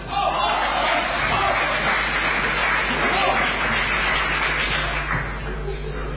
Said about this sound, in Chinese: 感谢大家的掌声， 谢谢 啊。